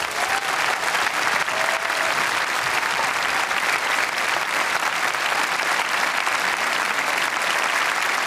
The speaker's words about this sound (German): Ein Riesenapplaus bitte nochmal für die jetzt, weil es tatsächlich, ich habe es gerade schon angedeutet, das erste gemeinsame Konzert ist. Ein Riesen-Extra-Applaus.